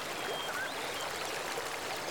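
Steady, rushing water of the Seo River (Seogang) flows continuously at Cheongnyeongpo in Yeongwol, a broad hiss of current with faint bubbling and splashes, even in volume throughout with no voices.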